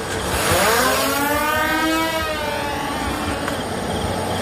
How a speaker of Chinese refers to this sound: 我交俾无人机你听一听。